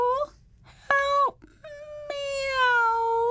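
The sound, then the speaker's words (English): A cat stuck in a pipe howls and wails in three drawn-out, rising and falling cries, loud, the last one long and sustained with no other sounds around it. “Her howls echoed around the pipe and clanged in the hedgehog's ears, giving him a nasty headache.”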